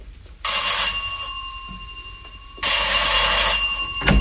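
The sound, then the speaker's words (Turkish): A doorbell at the front door of a house rings twice with a bright, buzzing electric tone. Each ring lasts a couple of seconds, separated by a brief pause, with no voices. “Dış kapının anahtarı evde kalmıştı. Zile basayım”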